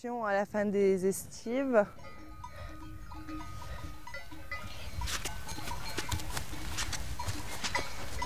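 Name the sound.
flock of sheep bleating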